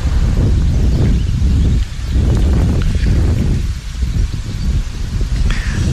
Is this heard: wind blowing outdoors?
yes